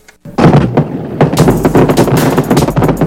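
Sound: fireworks and firecrackers exploding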